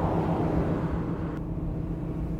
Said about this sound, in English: Actually, it's a barite mill, which has something to do with mining, the way everything has to do with mining around here. The mill makes a very interesting sound, don't you think?